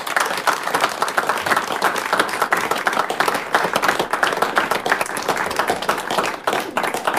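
Steady, dense applause from an audience for a family band, many hands clapping continuously for several seconds without pause, loud and even throughout.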